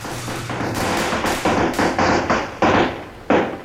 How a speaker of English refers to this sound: Let's lay off some firecrackers and have a good time.